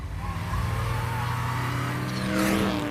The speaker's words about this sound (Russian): Поездки по Риму на автомобиле ободряют, особенно на смарте. Я легко могу припарковаться и кружу по городу, не привлекая особого внимания.